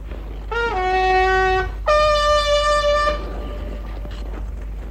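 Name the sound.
horn blast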